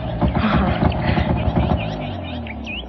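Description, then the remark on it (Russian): A motorcycle engine drones steadily, a loud throbbing rumble that eases slightly toward the end as it passes, with faint high chirps above it. “А, слушай, не как синие едут на мотоцикле.”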